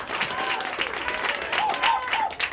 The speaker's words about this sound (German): Vielen Dank fürs Zuhören. Einen fetten Applaus für den nächsten Act,